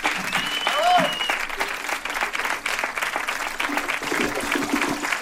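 An audience applauds steadily, a dense wash of clapping that holds at an even loudness for several seconds, with a few cheers and whistles rising above it near the start.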